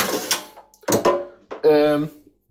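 An air fryer drawer slides out with a few quick clunks and scraping rattles, followed by a brief squeaky, grinding slide, fairly loud, with no talking.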